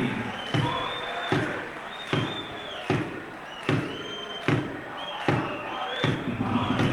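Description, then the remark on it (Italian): A basketball is dribbled by Penna of Libertas in a steady rhythm, about eight sharp bounces ringing out one after another over the constant murmur of an arena crowd, with occasional shoe squeaks. “Palleggio di Penna.”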